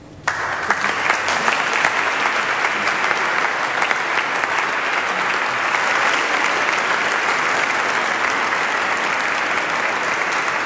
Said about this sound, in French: Les finalistes sont accueillis avec applaudissements.